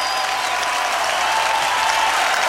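Sustained applause from a large live audience in New Orleans, a dense wash of many hands clapping at once, steady and fairly loud throughout with no voices standing out.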